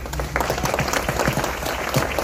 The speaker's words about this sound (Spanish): Bueno, yo creo que hay otra persona que también se merece un fuerte aplauso, que es nuestro cronista